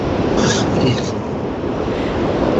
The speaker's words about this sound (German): Ja, ich höre, du bist im Auto unterwegs. Ja, ich kann aber gerade anhalten gleich. Gut, ja, ich bin im Auto unterwegs und bin am Weg nach Bad Godesberg.